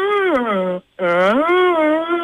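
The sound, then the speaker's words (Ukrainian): A woman, contestant number one in a radio contest, vocally imitates a deer call with two drawn-out, wavering nasal bleats separated by a short pause, strong harmonics rising and falling in pitch. “ти у нас сьогодні перша, учасниця номер один, тому, будь ласка, як ти повториш звук оленя?”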